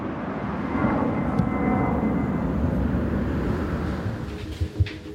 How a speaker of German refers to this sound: Zu Hause ist es mit dem Fluglärm oft noch schlimmer, erzählt sie. Direkt über ihrem Haus starten und landen Flugzeuge. Und das rund um die Uhr. Denn am Flughafen Hannover-Langhagen gibt es kein Nachtflugverbot.